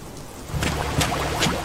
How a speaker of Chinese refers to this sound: 城市暴雨，请听从指挥。